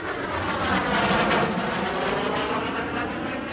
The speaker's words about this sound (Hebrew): באיזה שיר יש מטוס בהתחלה שהוא ממש ישראלי?